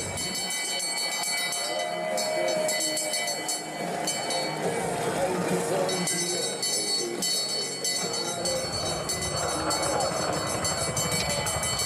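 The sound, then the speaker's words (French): A bell rings rapidly and steadily at the finish line of a race as the riders pass the line, its bright metallic tones clanging over a loud crowd roar, with a voice talking underneath. “on va passer sur la ligne une première fois. On est en train de voir tout ça, le replacement. Là, vous voyez, hein, y a beaucoup de place pour les coureurs, mais ça veut aussi dire qu'on peut vite être enfermé du côté des sprinters.”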